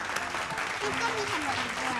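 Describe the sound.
An audience claps steadily, a dense wash of many hands applauding at once, with a voice briefly speaking over the clapping.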